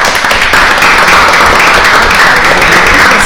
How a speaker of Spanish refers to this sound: Los recibimos con un fuerte aplauso.